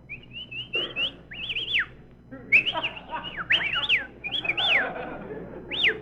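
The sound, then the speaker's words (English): A person whistles to hail a taxi cab in a series of sharp, high swooping notes, rising and falling in several short bursts over a faint background rumble, with no talking. “Now, we may as well whistle at each other.”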